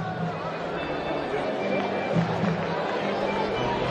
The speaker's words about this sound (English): This crowd is livened up here on Thirsty Thursday.